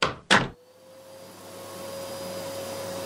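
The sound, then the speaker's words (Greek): Two sharp knocks or clicks, then a vacuum cleaner, put on by a mother, starts up and runs steadily with a whining hum that gradually builds in loudness, with no talking. “Ρε μαμά, πρέπει να διαβάσω. Άσε τη σκούπα για άλλη ώρα.”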